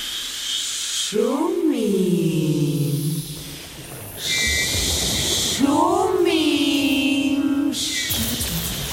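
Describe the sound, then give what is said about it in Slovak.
A steady, hissing murmur of sea waves fills the background throughout, while two voices speak over it in separate turns, the surf continuing in the gaps between them. “Šumím. Na čo šumíš? Šumieť sa musí.”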